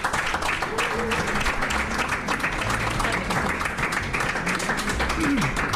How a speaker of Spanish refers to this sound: Les damos un aplauso, mesedes.